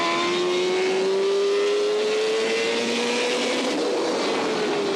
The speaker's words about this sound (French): Et ça enchaîne sur trois virages à droite. Hyper rapide. Elle accède, ça hurle. Légère, très douce. Et là, quand on accélère, la moto se lève très légèrement.